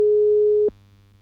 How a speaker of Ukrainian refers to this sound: А у мене є телефонний дзвіночок.